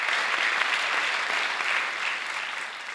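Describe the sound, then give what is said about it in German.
Polite welcoming applause from the audience at the first symphony concert, titled Aufbruch, as conductor Marco Comin makes his debut, bows and greets audience and orchestra: a steady, fairly thin patter of clapping that stays even and moderate throughout without cheers or voices. “Unsere Reporterin Katharina Spätmann war dabei und hat gleich mal den Begrüßungsapplaus aufgenommen. Der war noch ein bisschen schwach.”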